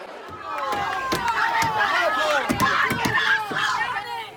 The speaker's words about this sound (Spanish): Gritos de asesinos y mucha tensión a la llegada a Hornachos en Badajoz del furgón de la Guardia Civil con los dos detenidos por el crimen de Francisca Cadenas.